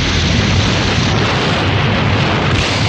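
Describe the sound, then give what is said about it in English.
A loud, sustained explosion rocking a clinic and lab roars and rumbles without letup, a dense wall of deep booming noise, with no voices. “The explosion rocks the clinic and lab.”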